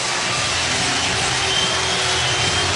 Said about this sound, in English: Line drive single, Henderson scores, and you are going to hear a huge ovation, 34,000 plus on their feet here at Comerica Park.